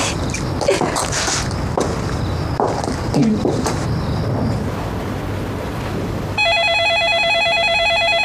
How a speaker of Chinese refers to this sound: 啊， 接一下电话。